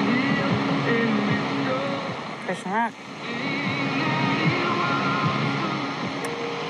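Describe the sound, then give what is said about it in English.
Hissing shortwave radio static with wavering whistles and a brief swooping tone as the dial sweeps across a signal around 11,020 kilohertz, steady and fairly loud throughout, with a voice speaking briefly over it. “Let me try going back to 9330, 11,020 kilohertz. Oh my god. I'm gonna keep surfing. Surfing the waves.”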